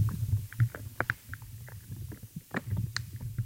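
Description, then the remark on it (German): Small pops and soft crunching in soil, scattered irregularly as brief clicks over a steady low rumbling hum. Quiet overall, with no voices. “Also mal hat man ein kleines Ploppen, mal ein Knurpseln.”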